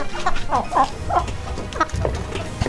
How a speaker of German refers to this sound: Ein bisschen schwierig, um die Tickets zu bekommen, müssen Sie ja raushören, welches Huhn preisgekrönt ist, was jetzt hier gackert.